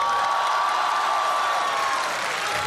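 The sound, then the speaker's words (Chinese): An audience claps steadily and densely for a few seconds at a Deyunshe crosstalk show, as comedian Yue Yunpeng introduces himself on stage. It is a thick, even wash of many hands with a faint murmur of crowd noise beneath, with no pause or fade. “哎，啊， 不用不用，掌声不用。”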